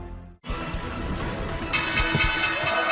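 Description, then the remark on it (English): The stock exchange closing bell on Wall Street rings continuously over a loud, dense crowd roar. The clanging is sustained and bright, and the whole sound swells slightly louder after a brief silent gap at the start. “Closing bell ringing on Wall Street.”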